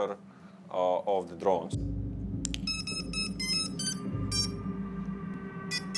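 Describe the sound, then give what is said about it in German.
A drone detector's electronic alarm tone beeps in repeated short bursts over a steady low rumble, clear, after a brief voice at the start; the video detector sounds the alarm as a drone approaches. “Sobald sich eine Drohne nähert, höre ich einen Alarmton und kann das Videosignal abfangen, obwohl das ja nur für den angreifenden Piloten gedacht ist.”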